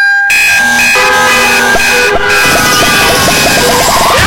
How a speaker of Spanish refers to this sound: Detecta movimientos sospechosos y en caso de ser necesario, la central de monitoreo interviene activando Zero Vision y dando aviso a la policía. Porque cuando se activa la alarma, Berisur interviene.